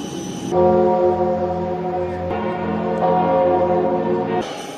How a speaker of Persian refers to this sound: پاپ لیو 14 در پاریس از سوی رئیس جمهور و بانوی اول فرانسه استقبال شد. با ورود او به پاریس، ناقوس کلیساها برای خوشامدگویی به پاپ به صدا درآمد.